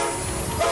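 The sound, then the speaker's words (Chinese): A China-Europe freight train carrying Hebei-made goods pulls away with a steady low rumble and rushing noise, and a short horn tone sounds near the end. No one speaks. “这是中欧班列出发的声音，河北制造，正沿着一带一路送到全世界的货架上。”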